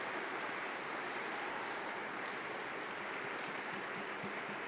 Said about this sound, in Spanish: Un fuerte aplauso a nuestros hermanos de María Visión.